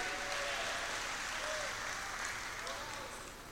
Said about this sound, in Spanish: Dele fuerte ese aplauso al Señor esta noche. Y alábelo porque Él vive.